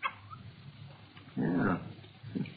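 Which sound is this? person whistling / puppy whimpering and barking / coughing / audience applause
puppy whimpering and barking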